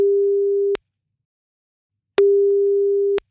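A telephone ringback tone as a phone call is placed: a steady mid-pitched beep sounds for about a second, pauses, then repeats once, clean and fairly loud with no voices.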